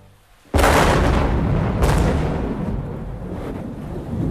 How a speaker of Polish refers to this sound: Piorun rozdarł niebo nad budynkiem Polskiego Radia, a krótki błysk na sekundę obnażył surową architekturę korytarzy radiowej jedynki.